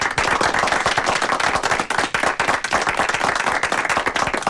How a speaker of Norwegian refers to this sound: men nå skal vi klappe. Her kommer den.